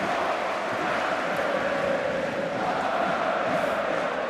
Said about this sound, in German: Offizielle Zuschauerzahl wird jetzt durchgegeben. 70.000 Zuschauer sind da. Stadion ist ausverkauft, auch wenn ich hier noch einige freie Plätze sehe.